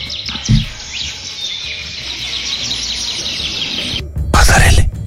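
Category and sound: bird, small birds chirping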